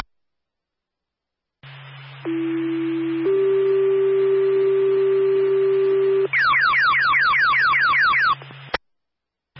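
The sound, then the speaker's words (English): A Clermont Fire dispatch alert tone for a fire alarm investigation: a steady low tone steps up to a second, longer held pitch, then breaks into a rapid series of rising chirps, all over a low radio hum with no talking. “Clermont Fire, stand by for a tone.”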